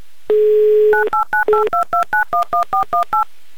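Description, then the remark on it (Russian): A touch-tone phone number is redialed a second time: a steady dial tone, then a quick, regular series of about eleven short two-note beeps, loud, with no one speaking. “Еще раз набран номер телефона, еще раз дождемся хоть какого-то ответа, автоответчика или гудков”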